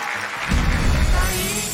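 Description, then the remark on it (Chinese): A dense wash of clapping from a large studio audience on a Tianjin Satellite TV health show, welcoming experts and guests to the middle of the stage, loud and sustained throughout, with a low rumble swelling in underneath partway through. No one speaks. “再次谢谢各位专家，谢谢观众朋友，谢谢我们各位爱心嘉宾，请一起来到舞台中间，掌声欢迎。”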